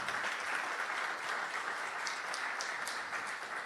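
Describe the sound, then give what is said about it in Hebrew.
Sustained audience applause at a yeshiva gathering, honoring the head of the community, fills the whole stretch, a dense steady wash of many hands clapping at once, fairly loud and even, with no one speaking over it. “שיושב יחד, אומר, אני רק עם האברכים שלי, לא עוזב אותם, מגיע לו הרבה מחיאות כפיים.”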